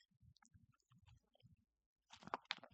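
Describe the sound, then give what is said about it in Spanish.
Someone takes a small sip of water: soft, low gulping and swallowing sounds, then a brief louder burst of wet mouth clicks and smacks at the end. No one talks. “Perdonen que me tomé un sorbito de agua.”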